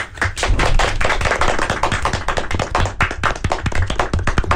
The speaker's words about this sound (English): Yes. Very nice. Everyone, applause.